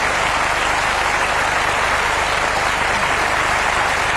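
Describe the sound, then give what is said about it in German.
A crowd applauds steadily at the end of a song, a dense wash of many hands clapping at a constant loudness throughout, with no one speaking over it. “Ja, manchen Applaus muss man auch verdienterweise, finde ich, immer noch eine Weile laufen lassen, weil es nicht nur Applaus ist, es gehört ganz zwingend zum Lied.”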